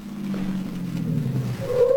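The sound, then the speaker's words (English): A car engine hums and winds down as the vehicle slows, ending in a short, rising squeal of brakes as it comes to a stop in front. No voices. “Car stop in front.”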